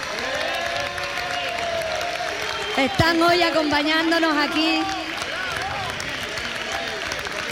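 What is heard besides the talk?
loud applause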